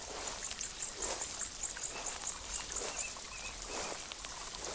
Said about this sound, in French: J'aime la rivière qui réduit le stress. L'eau de la rivière, c'est trop beau, ça brille. L'eau est claire et tu vois des cailloux.